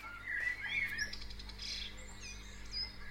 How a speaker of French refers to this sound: C'est-à-dire que c'est une musique de la nature, on peut dire, à la limite. Hein? Allez, ça, c'est le matin, les oiseaux se lèvent.